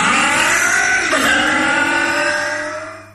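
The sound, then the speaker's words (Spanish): A four-stroke motorcycle engine revs loudly, its pitch rising and falling in a sustained roar before easing off at the end. No voices are heard. “Es protección para tu moto de cuatro tiempos.”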